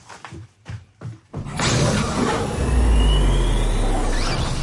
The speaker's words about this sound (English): Oh, it's a spaceship door again, sorry. That's the recording studio door, isn't it?